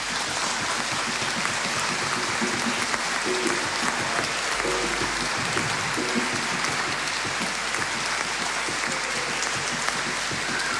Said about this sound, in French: Voilà, alors maintenant je veux surtout rendre grâce, immensément grâce, pour tous ceux qui ont participé à ce pèlerinage au service. Je vous demande d'applaudir la communauté.